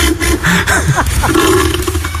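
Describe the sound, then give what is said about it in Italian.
An elephant seal call: a loud, deep, guttural bellow with a belching, throaty rumble that pulses unevenly and runs without a break for about two seconds, with no talking. “La foca è la foca elefante.”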